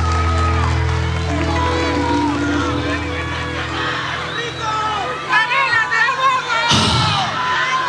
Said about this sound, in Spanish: Ay, qué lindo, un aplauso, muchas gracias.